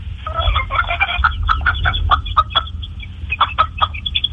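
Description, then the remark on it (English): A chicken at a family's house clucks in a rapid, continuous run of short, choppy calls, fairly loud, with a steady low rumble in the background and no talking. “One of your dad's chickens just tried to fuck me.”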